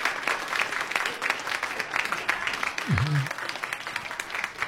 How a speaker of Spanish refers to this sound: Así que todos son ganadores. Ahí está la aplausita.